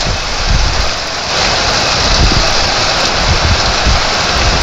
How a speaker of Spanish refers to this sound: Oye, cómo se escucha esa lluvia.